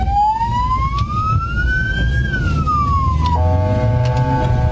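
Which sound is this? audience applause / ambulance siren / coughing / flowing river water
ambulance siren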